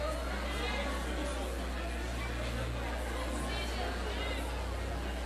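A steady murmur of crowd chatter, many overlapping voices blending into an even, unbroken babble with no single speaker standing out, over a low constant hum.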